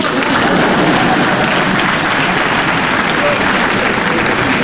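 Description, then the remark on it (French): Steady, loud applause from an audience, a dense wash of many hands clapping continuously with no pauses, holding an even level throughout. “Et c'est quand on m'applaudit que je m'aperçois que c'est un exploit.”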